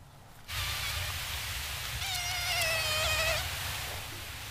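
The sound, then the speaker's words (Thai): A mosquito whines steadily, a thin high-pitched buzz that swells louder and wavers in pitch midway before easing slightly, with no voices. “เสียงยุงเหล่านี้เนี่ยแหละที่ทีมนักวิจัยจากเครือข่ายสถาบันวิจัยฮังการีเขาเอาไปฝึกเทคโนโลยีปัญญาประดิษฐ์หรือว่า AI ให้จำแล้วก็จำแนก”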